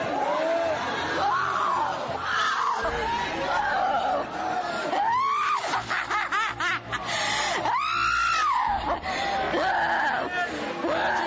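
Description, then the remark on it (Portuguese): An audience shouting together during a Portuguese-language worship service, urged to cast out evil, many overlapping voices crying out loudly and continuously, with high pitched yells swelling and falling in waves over a dense crowd roar. “Vai gritando, Jesus queima ele.”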